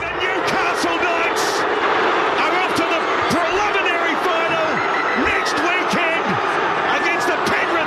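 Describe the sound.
A basketball arena crowd at a Warriors game roars steadily, a dense wall of voices and cheers, punctuated by repeated sharp thuds of bouncing balls and brief high squeaks from sneakers on the court.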